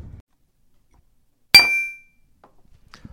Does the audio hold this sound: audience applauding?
no